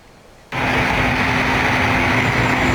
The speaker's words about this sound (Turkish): İstanbul Ümraniye'de bir minibüs tamire götürülüyor. O esnada minibüs alev alev yanmaya başlıyor.